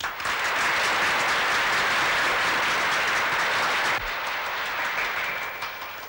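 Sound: audience applause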